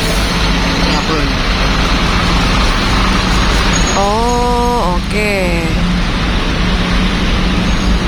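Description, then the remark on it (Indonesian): Steady roadway rumble from trucks in a traffic jam fills the scene, with a loud engine drone and a rising-and-falling tonal whine around the middle, as a person briefly speaks over it. “Ini untuk truknya ya, bukan truk tebu nih kayaknya juga.”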